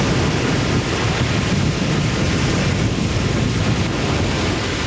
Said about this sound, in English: Waves are pounding the shore in Long Beach, California, in the wake of Tropical Storm Rachel.